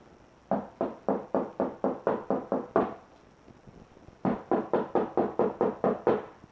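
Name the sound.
knocking on a door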